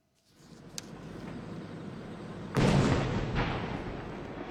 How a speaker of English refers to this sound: Nearly 20,000 fireworks illuminated the sky over Daisen City in northern Japan's Akita Prefecture on Saturday.